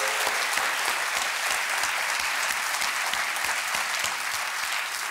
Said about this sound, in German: Vielen Dank an die hessische Polizei für die gute Arbeit. Komm, wir schicken mal einen richtig fetten Applaus an die Polizisten in Hessen.